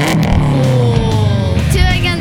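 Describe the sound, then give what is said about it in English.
A loud race car engine revs continuously, its pitch dipping and then climbing again in a steady roar that fills the whole moment. “I sponsored a race car.”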